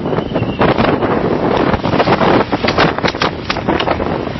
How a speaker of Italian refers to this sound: Ecco, siamo praticamente in mezzo a una vera e propria bufera. È veramente pazzesco il tempo.